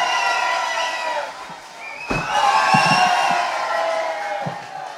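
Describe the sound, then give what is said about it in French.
A crowd cheers and whoops loudly, with raised voices overlapping in a dense roar that swells after a sharp bang midway and stays strong to the end. “Mais applaudissez-le! Mais il n'attend que ça!”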